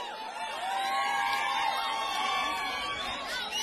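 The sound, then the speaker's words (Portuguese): A large crowd shouts and cheers together in one sustained, overlapping roar of high, rising voices that holds steady at full volume for several seconds. “Quem gostou, grita ui!”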